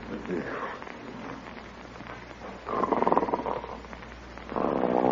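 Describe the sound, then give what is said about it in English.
Loud, rasping snores, two drawn-out rumbling breaths about two seconds apart after a softer stretch of breathy noise. “Oh, isn't that awful? Snoring already. Listen to that.”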